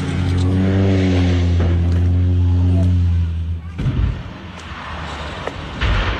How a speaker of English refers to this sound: That social media sound of a seaplane going down off the coast of Washington State, about 90 miles north of Seattle. The plane burst into flames when it hit the water, but the 10 passengers and pilot were all rescued.